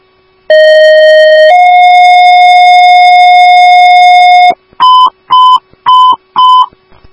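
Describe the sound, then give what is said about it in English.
Fire dispatch paging alert tones for Woodbury Station 1AF, sent for an ALS stroke response at 7555 Bailey Road, St. Therese: a loud steady tone for about a second, then a slightly higher tone held for three seconds, followed by four quick evenly spaced beeps, with no talking. “Woodbury Station 1AF, these are your tones for 7555 Bailey Road, room 2013 at St.”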